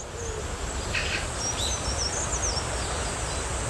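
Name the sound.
various birds chirping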